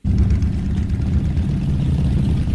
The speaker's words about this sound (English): On the edge of Pakistan's border with Iran, thousands of motorbikes are gathered together, kicking up dust in blistering heat.